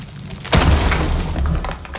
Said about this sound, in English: When your husband's got his heart set on making the do-a-upper open plan, enjoy every thudding second of it.